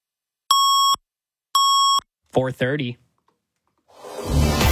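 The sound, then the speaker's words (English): The double-tone time signal of 680 News Radio, CFTR AM Toronto: two identical electronic beeps of steady, fairly high pitch, each about half a second long and a second apart, followed by a short burst of speech and then a rising noisy swell. “At the Double Tone, 680 News time.”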